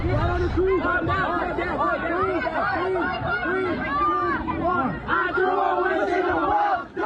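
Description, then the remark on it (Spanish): About 500 teenagers in a shopping mall in Aurora, Colorado, shout and yell over one another while running, climbing on tables and fighting, in a constant loud din, with overlapping voices rising and falling and occasional higher-pitched cries breaking through. “Los videos muestran a decenas de jóvenes corriendo por el lugar, gritando, subiéndose a las mesas y peleando entre ellos.”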